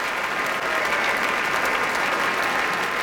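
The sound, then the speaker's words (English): A large audience at a Boston Symphony Orchestra concert at the Kuzovitsky Music Shed at Tanglewood on July 13, 2025 applauds steadily, with a cheer for the horn section, a dense, even wash of clapping that holds at the same loud level throughout, with no speech over it. “You heard a large cheer for the horn section led by Richard Sebring here with the BSO.”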